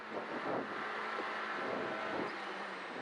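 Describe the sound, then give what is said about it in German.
A rally car engine roars steadily at the Lößnitzer Rallye-Sprint, on the course near Dittersdorf and Lenkersdorf, a broad, rushing drone with a few faint bursts that could be exhaust pops. No one speaks. “Quietschende Reifen, viel Motorengedröhne und Auspuffsknallen.”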